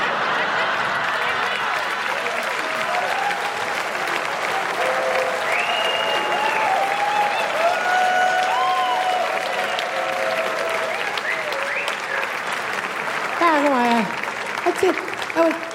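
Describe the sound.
A large audience applauds steadily for about sixteen seconds, a dense, even wash of clapping with a few voices calling out and cheering beneath it.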